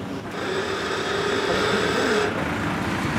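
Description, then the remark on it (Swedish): A harbour's main crane hoists an old deck boat over 100 years old, its motor giving off a steady, fairly loud mechanical drone with a rising whine. The noise runs continuously throughout, with no voices. “Det är en huvudkranen som hivar och så tycker jag att han ska sättas av en vakn som är fäster i en lastbil.”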